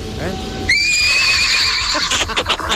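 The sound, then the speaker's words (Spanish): A loud horse whinny breaks in after a brief moment of voice, its high quavering call sliding downward for over a second before trailing into rougher snorting bursts. “Hasta luego, le mandamos su caballo”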